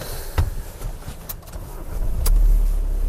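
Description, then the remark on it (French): Road traffic hums, with a low engine rumble that swells louder toward the end as a car seems to pass, plus a few brief clicks and knocks, no voices. A bird of prey on a falconer's glove is watching the passing cars. “Elle a l'habitude du gant, elle bouge pas, elle est en train de regarder les voitures.”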